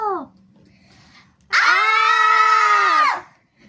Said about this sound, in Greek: Τσίριξαν οι εξωγήινοι με το που τους είδαν.